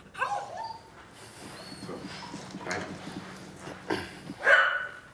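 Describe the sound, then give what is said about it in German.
An explosives detection dog searching for a hidden sample gives a few short barks and whimpering whines, with shuffling and clopping movement noises in between and a louder yelp near the end. “Aber für den Hund ist das auf Dauer frustrierend.”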